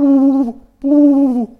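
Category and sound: vocal imitation, voice imitating pigeon cooing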